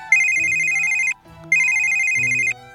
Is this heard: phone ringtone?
yes